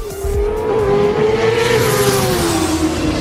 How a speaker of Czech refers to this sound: Až tenhle ten zvuk zazní, tenhle zvuk motorky